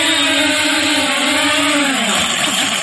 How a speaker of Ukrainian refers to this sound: На сусідній позиції теж кипить робота. Дрон щойно повернувся після вдалого мінування.